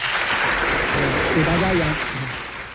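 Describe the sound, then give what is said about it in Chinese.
An audience claps steadily for about three seconds before a musical performance, a dense, even patter that stays fairly loud throughout, with a voice briefly audible over the applause midway. “好嘞，那先鼓掌后欣赏啊，开始。”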